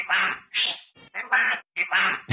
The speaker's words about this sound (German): Okay, du glaubst, er ist so ein Papagei und er hat die ganze Zeit um Hilfe gerufen, ne?